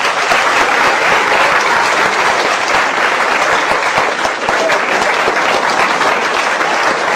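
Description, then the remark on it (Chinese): Steady, sustained applause from a large audience, loud and dense throughout with many hands clapping at once and no voices standing out, as the audience is asked to applaud to encourage a volunteer joining a comedy sketch. “大家给点掌声。”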